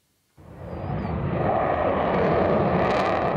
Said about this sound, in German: Ein bisschen wie Szenen aus dem Film Top Gun wirken die Vorführungen der Jets über Nordholz. Laut und schnell in engen Kurven ziehen die Eurofighter hier ihre Show ab.